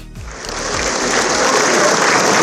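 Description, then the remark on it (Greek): Sustained applause from a large crowd of relatives, friends and political figures bidding farewell to Margarita Papandreou at her funeral, a dense steady patter of many hands clapping that swells slightly and holds without pause, with no voices standing out. “Με ένα παρατεταμένο τώρα χειροκρότημα και πολύ συγκινητικά λόγια από τα παιδιά και τα εγγόνια της”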